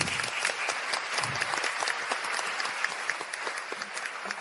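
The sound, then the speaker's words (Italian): An audience claps steadily throughout, a dense patter of many hands at moderate volume, sustained without pause and with no voices rising above it. “Un applauso a tutti voi, io lo farei.”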